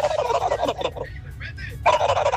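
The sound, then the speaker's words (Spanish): A person imitates a turkey's gobble: a rapid, warbling burst, a short lull with a few thinner chirps, then another loud gobbling run at the end, clear. “Mi sonido de un animal es el pavo.”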